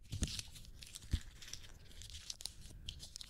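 Paper being crumpled into small balls rather than folded, a continuous crackling and crinkling with a few sharper rustling bursts, heard alone with no talking.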